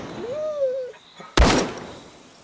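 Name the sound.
gunshot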